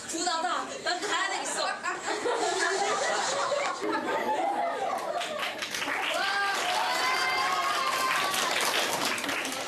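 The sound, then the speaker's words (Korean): A crowd claps steadily for about ten seconds after a role-play about solving an equation, a dense, loud patter mixed with chuckles, cheers and overlapping voices throughout. “박수갈채를 한 몸에 받았지만 부끄러운 건 어쩔 수 없나 봅니다.”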